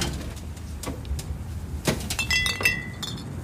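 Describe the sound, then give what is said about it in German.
Three glass soda-pop bottles, including Orange Crush and strawberry, clink together in a handful of sharp, bright taps as they are handed over, with a cluster of ringing clinks near the end over a low background rumble. “Hier sind eure 3 Flaschen.”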